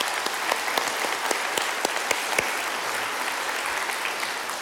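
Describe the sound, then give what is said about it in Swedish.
At a conference in 2023, an audience applauds a man who began running the conference in 1944. Many hands clap steadily in a dense wash, with sharper individual claps poking through, holding a fairly even level throughout before easing slightly at the end. “Så det är värt en applåd, tycker jag.”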